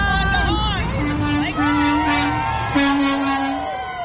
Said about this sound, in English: Outside of WWLP-TV's studio in Chicopee, there was plenty of cheering and honking to go around.